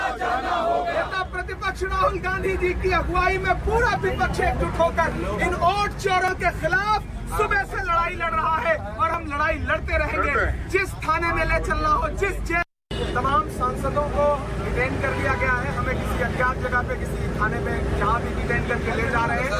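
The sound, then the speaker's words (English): Continuous babble of many voices inside a bus in which Mahua Moitra and others have been detained, with a steady low engine rumble underneath and overlapping chatter and shouting throughout, briefly cut out near the middle. “These are images that are coming in from inside this bus.”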